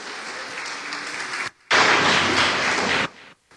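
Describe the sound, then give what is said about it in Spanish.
An audience claps for people who have just been asked to stand up, in a dense, steady wash of applause, briefly cut off after a second and a half, then resuming louder before fading out near the end. No one speaks. “Aplauso para ellos.”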